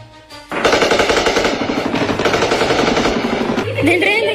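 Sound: gunfire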